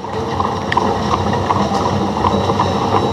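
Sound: horse-drawn tram on rails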